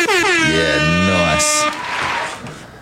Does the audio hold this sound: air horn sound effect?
yes